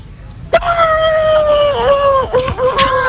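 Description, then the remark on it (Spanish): A person imitates a horse's neigh with one long, loud wavering cry lasting a few seconds. It comes out sounding more like a drawn-out howl, with a couple of dips in pitch near the end. “Regular, el caballo sale regular, amigo.”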